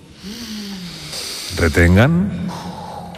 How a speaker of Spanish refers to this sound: Tienen que hacer un ejercicio de respiración grupal, ¿sí? Sigan mi respiración. Inspiren todos ahora.